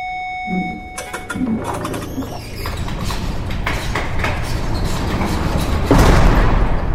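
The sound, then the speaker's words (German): An iris scanner hums with a steady electronic tone as it scans an eye several times. Then the laboratory door slides open with a rising mechanical whir and clatter, ending in a louder rushing burst. “Nach mehreren Abtasten seiner Iris öffnete sich die Tür”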